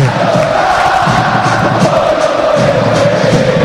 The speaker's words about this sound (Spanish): Y ahí está el grito del hincha del Ciclón